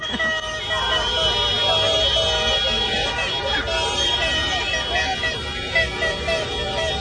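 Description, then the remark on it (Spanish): A steady, loud blare of trumpets and horns from a crowd of Mexican fans outside the hotel where Ecuador's national football team is staying, on the day Mexico plays Ecuador, overlapping tones droning continuously for the whole stretch, with voices shouting underneath. “Hoy juega México contra Ecuador y ellos llegaron al hotel con trompetas, bocinas y de todo lo que se les ocurría para hacer sonido, hacer ruido, para que los jugadores no descansen.”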